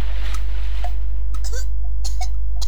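A person choking on trash after plunging into the sea, in a public service announcement from Radio Republik Indonesia, with a series of abrupt, strained gulps and coughing gasps coming in uneven bursts, some with a brief pitched catch in the throat, over a steady low hum.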